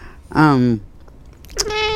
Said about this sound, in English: Yes, and this is the cat. We call her the radio cat because she likes to sit on my lap when we do radio shows.